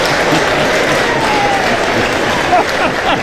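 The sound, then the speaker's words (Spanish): A large audience applauds in a dense, steady roar of clapping that stays loud throughout, with faint cheers and whistles rising above the noise. “Tiene tanta ovación.”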